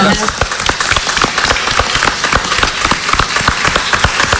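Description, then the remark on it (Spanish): A crowd applauds loudly and steadily during a Radio Nacional radio broadcast, dense overlapping claps forming a continuous rattling wash for several seconds with no voices standing out. “Un buen aplauso enorme.”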